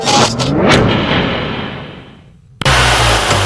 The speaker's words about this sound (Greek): Ακούσε πως πάει, ακούσε υποδύναμη, ροπές! Πάει σφαίρα το εργαλείο, άλλαξες μηχανή.